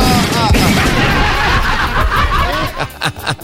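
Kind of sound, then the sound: sound effect, gunshot sound effects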